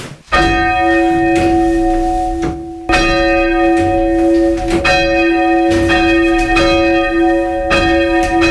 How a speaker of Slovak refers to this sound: Zvony nad krajinou Spišského Horhova. Tiež boli poškodené trošku v tomto mieste. Tiež tí starší ľudia rozprávali, že keď boli tí ruskí vojaci, tak vraj to odlomili a nahradili to takým plieškom, lebo toto je celé z dreva.